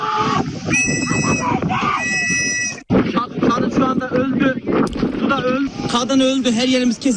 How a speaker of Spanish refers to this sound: el agua empezó a entrar en la nave, cundió el pánico y un buen número de pasajeros saltó al mar. Así grababa uno de ellos a los que esperaban el rescate en un lateral del barco mientras una mujer grita por los que se están ahogando.